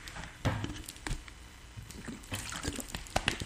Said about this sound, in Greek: Λοιπόν, μπορώ να πιω μια γουλίτσα νερό? Ναι, πιες μία εσύ, να πιω μία κι εγώ.